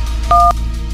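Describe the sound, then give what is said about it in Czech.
A phone keypad beeps out dual-tone dialing as a phone number is dialed to place a call: one clear two-note tone held for a moment, then the start of another right at the end, over a low steady hum. “Tak, vytočíme.”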